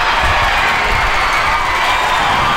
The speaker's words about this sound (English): A sold-out crowd of more than 3,000 fans cheered on the Portland Cascade as the team defeated the Oklahoma City Spark 3-0.